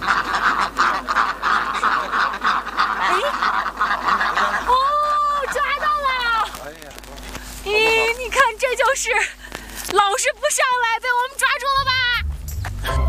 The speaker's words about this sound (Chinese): 等了几个小时，天色渐晚，鸭子们摇摇晃晃地回家了。